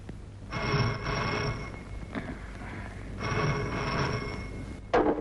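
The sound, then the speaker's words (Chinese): A telephone rings in two long, buzzing bursts separated by a short pause, clear, followed by a brief clunk like the receiver being picked up. No one speaks. “不过他能来，我可以打电话。”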